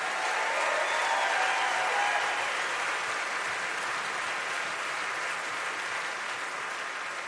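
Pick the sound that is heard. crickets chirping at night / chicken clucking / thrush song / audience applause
audience applause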